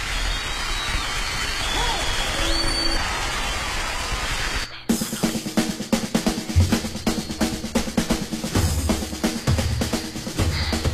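A steady wash of noise gives way to a burst of dense, crackling applause for a guest on the program Vacaciones con Fe y Alegría, many hands clapping loudly and unevenly for several seconds with a low hum underneath.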